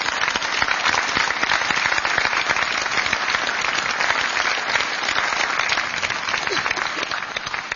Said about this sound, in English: Another round of applause for our veterans.